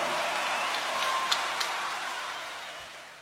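A dense, steady wash of audience applause, many hands clapping at once into a bright crackling hiss, with a couple of sharper claps standing out before it slowly thins.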